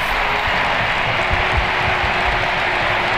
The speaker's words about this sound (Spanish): El momento del cambio de la reina, de Alexia Putellas, que se marcha en el partido número 500 con el primer equipo, el de sus amores, y este es el aplauso del Camp Nou para Alexia.